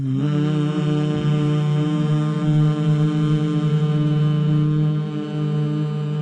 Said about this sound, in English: Deep breath together and a hum.